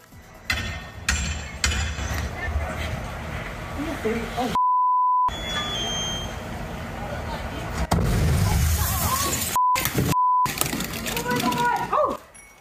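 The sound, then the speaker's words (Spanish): A sudden loud blast of an explosion at apartments in Tacoma, Washington, erupts midway, surprising firefighters answering a fire alarm, followed by a heavy low rumble, amid background commotion, voices, and several sharp censor beeps. “El grupo de bomberos acudió a una alarma de incendios en esos apartamentos en Tacoma, Washington, cuando fueron sorprendidos por la fuerte explosión.”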